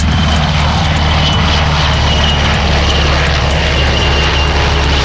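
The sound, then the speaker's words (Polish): A propeller drone drones steadily overhead during a military exercise at the Toruń training ground in Poland, its buzzing engine loud and continuous for the whole stretch with a low harmonic hum and airy noise around it; no one speaks. “Po czym zostaną wysłane drony, żeby zrobić pole narzutowe, minowe, które będziemy widzieli za tymi pojazdami.”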